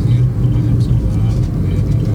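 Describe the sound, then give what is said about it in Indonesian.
A Bintang Jaya bus runs a red traffic light, its heavy engine rumbling steadily for a couple of seconds, a loud low drone with a faint hiss of road traffic above it. “Wah, ada bis ngeblong.”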